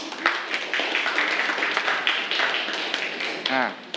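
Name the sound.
students clapping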